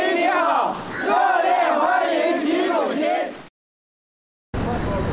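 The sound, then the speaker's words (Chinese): In India, a large crowd of local overseas Chinese and Chinese company representatives, waving Chinese and Indian flags along the route from the airport to the hotel, cheers and chants loud, rising and falling shouts welcoming Xi Jinping for about three seconds. The sound then cuts to silence before a short burst of noisy crowd resumes. “乘车从机场赴下榻饭店途中，当地华侨华人和中资企业代表挥舞中印两国国旗，热烈欢迎习近平到访。”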